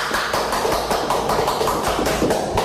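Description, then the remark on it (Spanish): An audience in their sacred temple applauds together, a dense, loud wash of clapping with a steady, rhythmic beat that holds for the full stretch with no voices over it. “Aplaudamos todos de alegría y de felicidad.”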